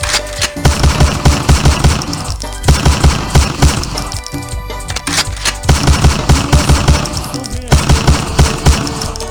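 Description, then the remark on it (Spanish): Loud bursts of rapid automatic gunfire crackle in repeated dense volleys, with brief pauses between bursts and no talking over them. “Ahí va los balazos para el Marvin Pastor”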